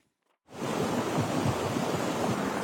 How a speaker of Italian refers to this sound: È un fiume di fango quello che all'alba invade le strade di Lipari, ogni cosa viene travolta, decine le case allagate.